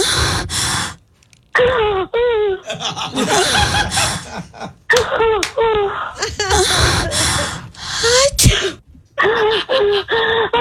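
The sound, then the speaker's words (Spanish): A sharp sneeze from someone with a cold bursts out amid a run of breathy vocal noises, gasps and stifled snickers, fairly loud, with short pauses between the outbursts. “Uno suena como que hay algún tipo de y ahí mismo como que alguien estornudó.”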